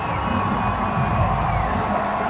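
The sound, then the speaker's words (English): A large baseball stadium crowd roars and cheers steadily for a couple of seconds after a hard-hit ball puts runners at first and third; a dense wash of voices with scattered shouts and whoops rising from the mass. “And that'll put runners at first and third and wake up the crowd a little bit more.”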